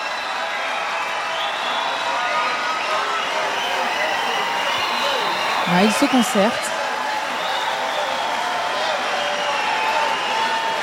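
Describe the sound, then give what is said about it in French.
A concert audience at the end of a trip-hop, downtempo and soul show keeps up a steady, dense roar of cheering and shouting for an encore, never letting up, while a voice speaks briefly over it midway. “Enfin, si le public est au rendez-vous, si le public crie assez fort.”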